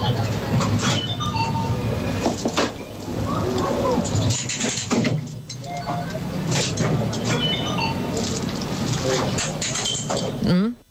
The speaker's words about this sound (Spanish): un dispensador de comida, estas máquinas de vending, que está pagando con monedas